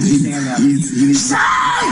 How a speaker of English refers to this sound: You can hear. Screaming going on here.